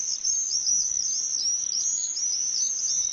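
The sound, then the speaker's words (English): A dense, shrill chorus of common swifts screeching overhead, their high rasping calls overlapping into a steady, unbroken wall of sound with no talking. “They're really the sound of the summer, and you hear them screeching over your house, even if you live in a city like I did.”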